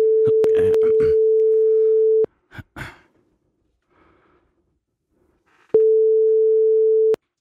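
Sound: telephone ringing tone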